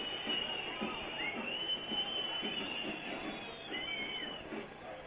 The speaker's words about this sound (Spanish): Los silbidos son el sonido ambiente corto, pero elocuente y contundente del primer tiempo espantoso que acaba de jugar el equipo cervecero.